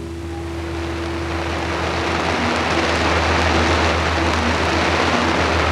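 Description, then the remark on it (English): Heavy monsoon rain pours down on a jungle night in Vietnam in a steady, dense hiss that fills the whole clip at an even, loud level, with a low droning hum underneath and no voices. “And the other sounds of the monsoon rain pouring down.”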